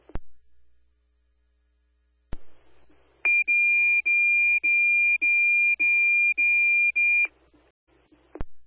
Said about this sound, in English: Alarm company, stand by for the evening radio test.